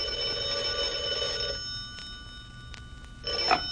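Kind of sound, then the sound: signal or alarm, telephone bell ringing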